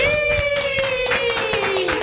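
Steady applause with rapid, overlapping claps runs throughout at an even volume, while a sustained whistle-like tone holds over the top and slowly drifts lower in pitch.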